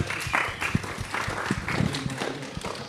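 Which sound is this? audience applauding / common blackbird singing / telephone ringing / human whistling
audience applauding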